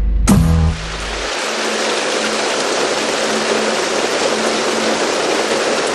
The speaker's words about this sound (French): La pluie s'est mise à tomber ici au studio Boucan.